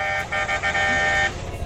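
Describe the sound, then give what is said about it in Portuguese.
A car horn honks on the Fernão Dias highway in a quick series of short, loud toots, several blasts in a row with brief gaps, then one longer held honk before cutting off. “Bora buzinar.”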